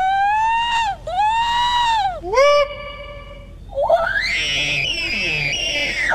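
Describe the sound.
Participants in the Sasquatch Calling Contest at the annual Sasquatch Party at Tosi's Checkout in Glenburn, Maine, hosted by the Maine Bigfoot Foundation and the Cryptozoology Museum, imitate Sasquatch calls with loud, wavering vocal howls: two swooping whoops and a sustained high cry, then a rougher, strained wailing call from another voice.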